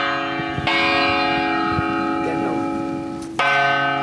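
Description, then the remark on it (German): A large bell is struck twice by a naked human body hanging upside down as its clapper, with a belt around the hips fitted with metal balls, in the performance Sea World Venice. Each hit swells into a deep, sustained metallic hum that rings on between strikes. “Menschlicher Körper an Glocke, nackt, kopfüber, aber mit einem Gurt um die Hüften und da sind so Metallkugeln dran und dadurch kommt dann auch wirklich dieser metallische Klang da rein.”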